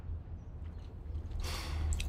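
Wet, open-mouthed lip smacking from someone eating, a soft squishy burst followed by a few sharp little clicks, over a low steady hum with no talking.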